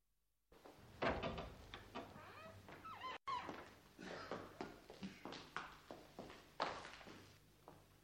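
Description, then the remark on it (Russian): An unlocked door is pushed open with a clunk and a scrape, followed by a series of uneven footsteps and small knocks as someone walks in. “Ну, что ж, зайдем. Дверь не заперта.”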